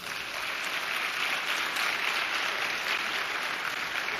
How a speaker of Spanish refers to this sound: Ahora, denle un aplauso al Señor.